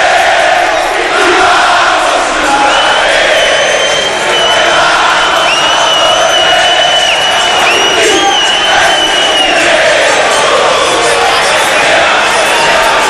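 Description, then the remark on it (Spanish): A large crowd of Ciruja football fans loudly chants a sustained war cry at the Martarena stadium on a Friday night, many voices blending into a dense roar with rising sung tones, continuous for the whole stretch. “Bueno, el hincha del Ciruja dando ese grito de guerra, ¿no?”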